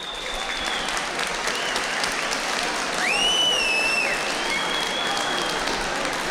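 An audience at a dance band festival claps in a steady, dense wave of applause that holds for several seconds, with a shrill whistle swooping up and holding briefly over the clapping midway through.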